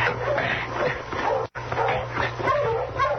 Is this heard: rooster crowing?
no